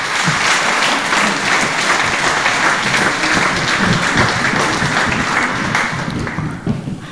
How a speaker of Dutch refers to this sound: Een applaus voor haar.